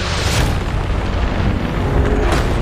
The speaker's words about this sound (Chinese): 电闪雷鸣让盾甲龙变得越发慌乱。